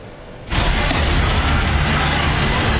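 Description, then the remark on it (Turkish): After a brief quiet moment, a loud roaring rush abruptly bursts in and holds steady as a parked minibus burns in flames behind the district governorate building in Kartal, Istanbul, Turkey, with faint crackling pulses and successive explosions running through it, and no voices. “Yaşanan peş peşe patlamalar paniğe neden oldu.”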